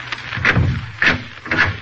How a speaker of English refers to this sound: As he walked, he looked carefully at each closed door he passed. Then, on reaching the end of the corridor, he stopped and opened the door.